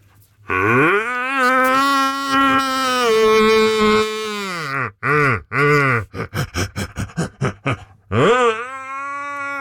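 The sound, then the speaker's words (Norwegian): A man imitates a red deer stag's roar: a long, deep, drawn-out bellow, then a string of short, rhythmic grunting barks that speed up, ending in one more rising roar. “Du, vi må få litt helt til slutt her, få litt skikkelig hjortebrøl igjen fra deg.”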